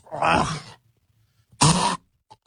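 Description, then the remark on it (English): A person imitates hacking up a hairball: two harsh, raspy retching bursts with a short pause between, fairly loud, like a cat gagging, with no talking. “You think you're going to be coughing up a fur ball or something?”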